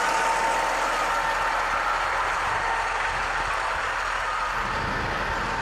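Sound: driverless tractor engine running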